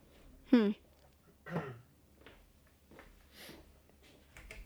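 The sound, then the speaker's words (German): A person clears their throat in two short bursts, the first louder with a falling vocal tone, then takes a sip of beer, followed by a few faint, soft sounds. “Ich gehe mir mal kurz räuspern und einen Schluck Bier trinken.”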